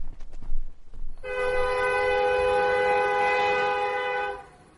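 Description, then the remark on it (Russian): A whistle, given by an elderly railway employee at a station as a train departs on a foggy day, sounds one long, steady, loud blast lasting about three seconds, following a brief stretch of rumbling rail noise, then cuts off. No one speaks. “Пожилой служащий дал свисток, и Роланд Зегер провожал взглядом отходящий поезд”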